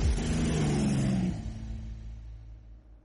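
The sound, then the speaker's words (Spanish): A tractor carrying a load behind it revs hard, its loud roar sliding down in pitch before settling into a quieter, steady rumble that fades away. No one speaks. “El tractor tiene como viene con una carga atrás.”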